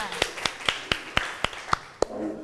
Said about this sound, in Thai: ค่ะขอเสียงปรบมือให้เพื่อนกลุ่มที่2ด้วยค่ะ